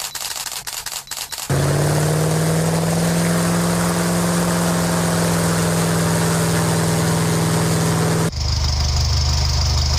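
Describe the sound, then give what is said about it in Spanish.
A few sharp clicks of a camera and a long, steady droning airplane engine hum, then the engine of a Seat 600 car runs with a loud, low rumble in the last couple of seconds. “Estos tres sonidos, el clic de una cámara fotográfica, el del motor de un avión y el del motor de un Seat 600”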